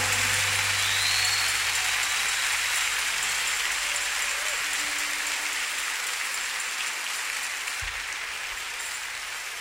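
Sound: audience applauding loudly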